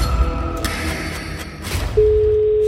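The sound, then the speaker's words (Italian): The first ring of an outgoing telephone call, a steady electronic ringback tone, starts partway through and holds as a single sustained pitch, clear and fairly loud over a low background hum. “Voi che siete precise e attente, se vi suona il telefono, 80, che vince se la canta. Sì. Primo squillo.”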